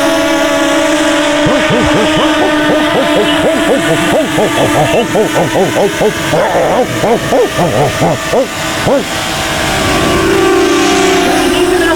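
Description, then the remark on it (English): A drone flying overhead toward a neighbor's place, its loud motor whine running steadily for the whole stretch, the pitch wavering and dipping in repeated swoops midway before settling into a steady hum. “Hold on, I can't hear you over the drone.”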